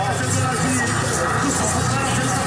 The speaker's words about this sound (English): This cafe in Cairo's historic Heliopolis neighborhood, hot drinks and shisha pipes are bubbling as the packed crowd watches Sunday night's Brazil-Norway game.